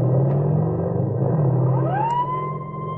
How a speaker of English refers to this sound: 5 o'clock that morning, motorcycle policemen Thomas Brooks and Harry Sladek are in the vicinity of Ridge Avenue and Oxford when a car roars past them. The policemen recognize the car as one reported stolen and take out after the speeding automobile.